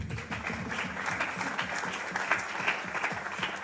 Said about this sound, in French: Mais j'apprécie beaucoup. Je propose qu'on applaudisse l'enthousiasme.